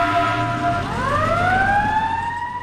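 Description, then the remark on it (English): An emergency vehicle siren is switched on by the driver as a call comes in, its tone sweeping upward in pitch and holding a loud, wailing note over a low engine rumble, with no one speaking. “James grabs his gear, climbs into the driver's seat. See ya. And hits the siren.”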